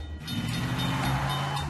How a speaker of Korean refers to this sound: 에이, 내가 저 기차 지나갈 때까지 기다려야 해? 잠깐, 상관없지? 기차를 밀어버리고 그냥 지나서 가자.